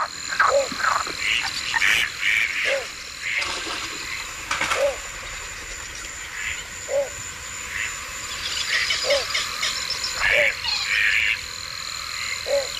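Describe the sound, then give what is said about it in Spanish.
Frogs croak in a steady, repeating rhythm of short calls over a dense bed of high insect-like chirring and trilling, a continuous night wetland chorus at nightfall at the Ullal Valdoví in the Albufera, with no talking. “Se van los patos y suena la noche.”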